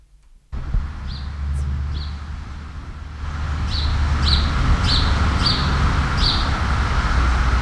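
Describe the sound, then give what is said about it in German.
A bird chirps at dusk, just after sunset, in a steady series of short, bright tweets, repeating about once a second and quickening toward the end, over a constant low rumble of outdoor background noise. “Das Abendrot wird ihnen gar nicht gefallen, obwohl die Vögel schön zwitschern.”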